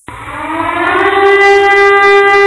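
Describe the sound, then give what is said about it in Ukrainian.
A loud air raid siren wails steadily, its tone rising slightly and then holding a sustained, harmonic-rich pitch that swells in volume, with no voices present. “Увага! Повітряна тривога! Усім пройти до найближчого укриття.”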